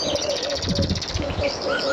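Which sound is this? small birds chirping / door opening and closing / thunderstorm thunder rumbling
small birds chirping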